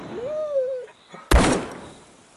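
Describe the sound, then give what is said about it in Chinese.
A short rising, wavering whine is cut off, and moments later a single loud, sharp gunshot from a man's gun cracks out and then fades in a rough, rumbling tail. No one speaks. “哎，大哥，你有枪啊？”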